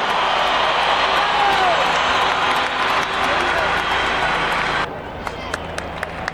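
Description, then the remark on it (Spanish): A large crowd applauds footballer James Rodríguez, wearing number 23, as he joins Atlético Nacional, in a dense, steady roar of clapping for about five seconds, then it abruptly drops away, leaving a handful of sharp, scattered claps. “¡Un aplauso para James Rodríguez!”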